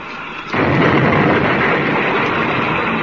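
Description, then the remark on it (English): After a brief quiet moment, a sudden loud crash erupts into a sustained, dense roaring rumble as a patched-up spaceship rams a gang ship; the two ships lock together and crash out of control, with no voices. “They did. The ships are locked together. But both of them are out of control. They've crashed.”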